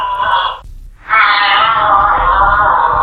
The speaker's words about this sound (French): Comme le renard, mais volant. C'est un renard volant, en fait.